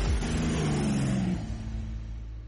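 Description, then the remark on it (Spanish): A motorcycle engine revs loudly, its pitch climbing and then dropping off partway through before settling into a steady rumble. No one speaks. “Sigue de la moto este tema.”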